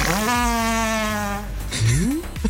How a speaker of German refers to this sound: Und um diesen Pups einzufangen, ihr habt richtig gehört, musste er in die Kälte reisen.